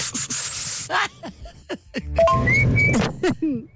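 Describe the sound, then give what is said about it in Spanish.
A person who cannot whistle attempts to whistle through pursed lips, breathing air out through the mouth, but mostly produces breathy, airy hissing, with a few thin, wavering whistle tones breaking through between puffs of air, fairly loud. “Ni sabía silbar, nada más hacía como que respiraba aire por la boca y hacía su trompilla y”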